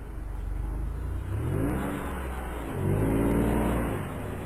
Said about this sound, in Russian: Через некоторое время машина выбралась на ровную дорогу. Папа Давида прибавил скорость, и они быстро поехали сквозь тьму, слушая ровное урчание двигателя.